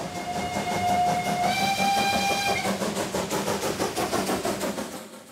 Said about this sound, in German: Was mich fasziniert an der Dampflok ist das Zusammenspiel von Kohle, Feuer, Wasser, Dampf. Und den lassen die Museumseisenbahner für die Festwoche noch bis zum 2. August ab.